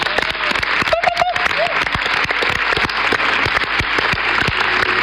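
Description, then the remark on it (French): Dense, steady applause from an audience for a member of a project's administration team, which the audience was asked to make especially loud this evening. Many hands clap continuously at an even loudness for several seconds, with a brief whistle or cheer rising out of it near the start. “À l'administration de toute cette chose, je vous demande d'applaudir particulièrement fort ce soir,”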